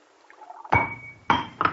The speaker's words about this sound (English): Here's the wine, dear. Hold the glass while I pour.